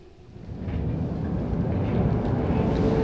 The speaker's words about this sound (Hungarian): A megkésett villamos távoli zaja, mintha egy pillanatra erőt adott volna a megtámadott férfinak.